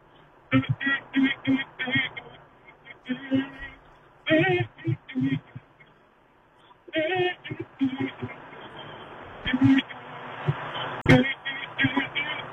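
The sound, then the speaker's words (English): A caller hums a song melody over a thin, telephone-quality line for the radio request segment Hum Days, in several short phrases broken by brief pauses, moderately loud. “I just need to hear the song that you want me to play, but you got to give it to me in hum format.”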